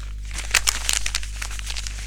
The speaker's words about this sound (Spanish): Si hay algo molesto en los colectivos, es el ruido de las bolsas de caramelo.